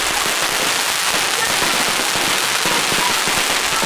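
Fireworks crackle loudly and continuously from a colourful dragon studded with fireworks, carried running by bare-chested team members at the Qiaolin fireworks fire dragon (burning dragon) New Year folk event of Chaoshan; a dense hissing fizz of countless tiny pops holds steady with no pauses throughout.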